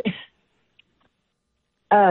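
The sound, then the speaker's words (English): A single short cough bursts out at the start, followed by nearly two seconds of quiet before a man's voice starts talking. “Whew, I'm having a little cough.”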